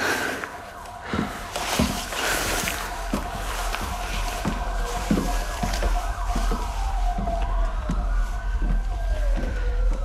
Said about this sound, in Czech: To nejsou policajti, to jsou sanitky.